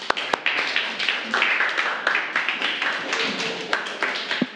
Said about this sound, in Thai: ขอบคุณมากค่ะค่ะปรบมือให้กับกลุ่มนี้ของเราค่ะ